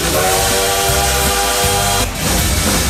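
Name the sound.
train whistle sound effect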